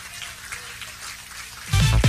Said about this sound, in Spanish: ¿Cuánto le dan un aplauso a Jesucristo? Ahí, ahí, ahí. ¡Alábalo!